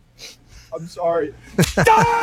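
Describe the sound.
A couple of sharp, close smacks land in quick succession, followed at once by a strained, wheezing vocal cry; softer voice sounds come before them.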